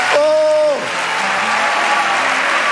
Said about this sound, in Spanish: Vamos, dale ese aplauso.